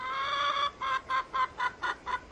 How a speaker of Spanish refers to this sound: ¡Sí, una gallina! No solo una, tiene pollos.